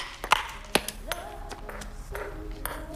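Table tennis ball knocked back and forth: two crisp, bright taps early on, then a few lighter clicks spaced unevenly over a low murmur of background sound.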